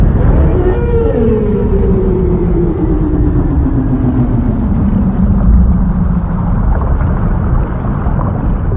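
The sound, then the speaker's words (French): A whale song: a long, slowly descending moan with a second lower tone, sustained for several seconds over a dense, steady underwater rumble. No one speaks. “Les baleines n'ont pas besoin d'expirer l'air pour chanter.”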